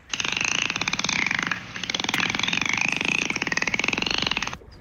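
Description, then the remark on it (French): A dolphin call: a dense, rapid train of buzzing clicks with a wavering, whistle-like tone riding above it, steady and loud for nearly five seconds with one brief break. “Bravo, belle observation, c'est un dauphin.”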